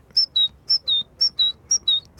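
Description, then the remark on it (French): Someone whistles an imitation of a great tit's call: four quick two-note phrases, high then slightly lower, repeated in a steady, bouncy rhythm, clear with no talking. “L'oiseau le plus commun qu'on puisse entendre, c'est la mésange charbonnière.”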